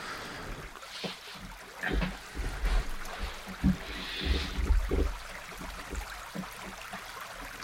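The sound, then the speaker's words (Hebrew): Water of a flowing stream streams and trickles steadily throughout, played as background sound for a meditation, with soft splashing bursts rising and falling in a continuous, moderately quiet wash, like a brook. No one speaks. “עוס את המים, מים זורמים, נחל.”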